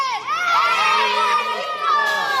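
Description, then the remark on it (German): A crowd of children cheers and shouts together while practising the stadium wave (La Ola), a sustained, high-pitched roar that swells and dips over a couple of seconds, with overlapping voices rising and falling in waves. “Und dafür üben die Kids schon mal die Welle, La Ola, die übrigens durch die Weltmeisterschaft 1986 weltweite Berühmtheit erlangt hat.”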